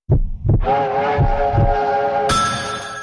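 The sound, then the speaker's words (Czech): The wheels of a Czech Railways (České dráhy) train clatter over rail joints in paired rhythmic thumps, with a steady mechanical whine and hum rising beneath them and a brighter hiss joining near the end. No voices. “Jedu vlakem Českých drah.”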